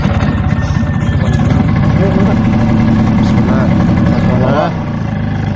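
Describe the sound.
A clean motorbike's engine runs steadily, a loud, continuous low rumble throughout, with faint voices now and then mixed in beneath the noise.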